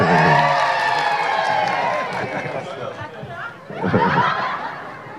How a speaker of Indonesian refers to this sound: Saya nggak mau sebut sekap karena tiap saya sebut namanya lebih teriak. Teddy Indra Wijaya.